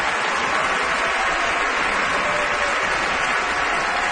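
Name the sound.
opera audience applause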